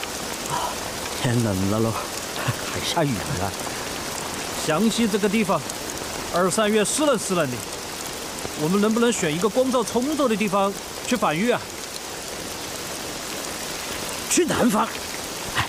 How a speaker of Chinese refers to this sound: 天冷了喽，还下雨了。湘西这个地方，二三月湿冷湿冷的，